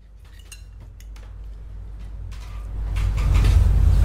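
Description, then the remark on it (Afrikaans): Cutlery clinks lightly against a plate in a handful of irregular taps as someone plays with their food, while a low rumbling background swells louder toward the end. No one speaks. “Ai my kind, wat kwel, as jy so met jou kos speel, is het gewoonlik met brissels en spruite, is al fout by die werk.”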